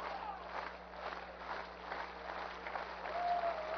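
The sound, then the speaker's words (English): A baseball crowd at an I-Cubs game, tied at 4 in the 8th inning, cheers and claps in a steady, dense roar that swells slightly toward the end, with a faint low hum running underneath and no voice standing out. “Crowd into this one now in the 8th.”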